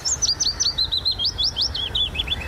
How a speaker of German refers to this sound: Auf Platz 2 ist dann der Fittis-Laubsänger, der klingt so.